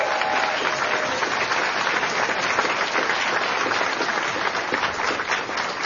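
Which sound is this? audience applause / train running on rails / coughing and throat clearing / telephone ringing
audience applause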